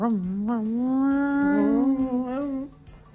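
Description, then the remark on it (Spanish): A voice on a radio program imitates a revving race car engine with one long, buzzy drone that holds steady and swells slightly in pitch for nearly three seconds before cutting off abruptly. “Está ronroneando. Quinta fondo, dale gas.”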